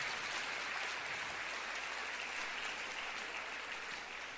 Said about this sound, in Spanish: Palabra del Señor. Denle un aplauso a la palabra del Señor nuestro Dios.